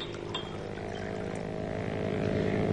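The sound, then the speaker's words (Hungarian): A motorboat engine drones steadily on a lake as someone water-skis behind it, its low buzzing hum holding an even pitch and swelling slightly louder toward the end, with no voices. “Mi az a felesége Mrs. Wade motorcsónakon érkezik? Nem hiszem. Valaki vizisízik a tavon.”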